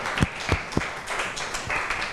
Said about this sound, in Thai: ค่ะก็ต้องขอขอบคุณตัวแทนนักเรียนนะคะได้มานำเสนอสถานการณ์เกี่ยวกับการซื้อสินค้าผ่านโลกออนไลน์นะคะเราก็ได้มุมมองหลากหลายที่เพื่อนได้นำเสนอไปขอเสียงปรบมือให้ตัวแทนนักเรียนอีกครั้งหนึ่งค่ะ